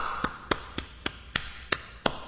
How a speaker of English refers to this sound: Can you hear that? You know what that is right there? That's the language. That's the language of the nation. So what are you talking about? Well, if you hear this, this is what clapping sounds like in Africa.